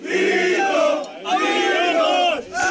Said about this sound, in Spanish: Se trata de un vídeo subido a redes por el propio Vito Quiles, en el que se ve a un grupo de legionarios junto a él vitoreándole mientras grita a por los rojos, y que fue grabado en el autobús en el que los militares iban a volver a su base